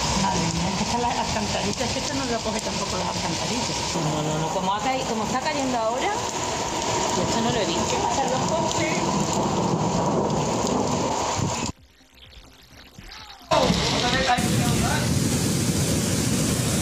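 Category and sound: nature, heavy rain pouring down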